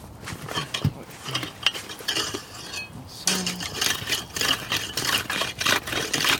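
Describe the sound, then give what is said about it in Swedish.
A saw rasps and grinds through ice only two to three days old to widen a hole. The repeated scraping strokes are quieter and uneven at first, then louder and more rhythmic, with occasional sharp clinks and crackles and no talking. “Så ska se om jag kan såga upp det lite grann.”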